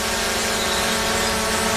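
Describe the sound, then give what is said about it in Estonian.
A drone's steady, high-pitched buzzing whine drones on continuously, a constant mechanical hum with no voices. “Õpeta oma droonile viisakust ja tunne kehtivaid reegleid.”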